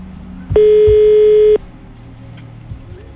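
A single loud, steady ringback tone from a phone line sounds for about a second, then gives way to quiet background noise as the call goes unanswered.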